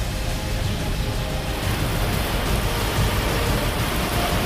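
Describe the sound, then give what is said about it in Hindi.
Heavy rain in Bharuch pours down in a steady, dense roar, loud, with a constant hiss of water hitting surfaces and no voices. “अब जरा भरूच की तस्वीरें भी देखिए, जहाँ मूसलाधार बारिश ने जिंदगी की रफ्तार पर ब्रेक लगा दी।”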